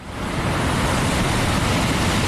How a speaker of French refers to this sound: Le bruit des vagues, le soleil.